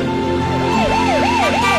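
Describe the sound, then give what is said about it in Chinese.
An ambulance siren wails in a fast, repeating up-and-down sweep, loud, over a steady low road hum with no voices. “请您给救护车让个路。”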